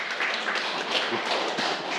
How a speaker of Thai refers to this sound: ถูกต้องนะครับปรบมือเพื่อนดังๆเลยครับ